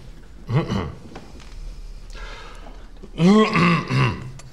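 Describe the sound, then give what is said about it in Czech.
A single rough cough, then after a pause a louder, longer fit of several throaty, voiced coughs in quick succession, with no talking. “Promiňte, nemůžu vypnout kašlátko, nejsem hlasatelně.”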